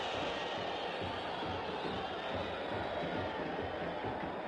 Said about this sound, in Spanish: Se va Driussi, muy aplaudido el autor del único tanto de partido de momento